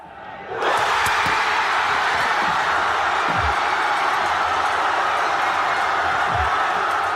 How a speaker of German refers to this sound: Viel Jubel und ein Haufen Freudenschrei.